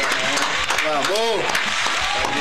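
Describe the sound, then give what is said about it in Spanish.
Steady applause for a show's general producer fills the whole clip at a fairly loud, even level, with a few voices calling out over the clapping partway through. “Vamos, aplaudirlo acá, y el loco.”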